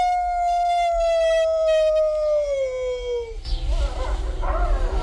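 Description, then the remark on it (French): A single long wolf howl holds a steady, pure tone and then slowly slides downward in pitch for about three seconds before breaking off into a rough, rustling noise. “Oh, on a de la chanson.”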